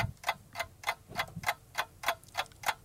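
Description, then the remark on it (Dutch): A new clock ticks steadily, about three crisp ticks per second, fairly clear with no talking over it, ending with a sudden louder click. “Met een nieuwe klok.”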